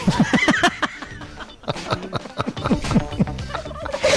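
A turkey gobbles in several rapid, warbling bursts, fairly loud, with brief pauses between the calls and no one talking.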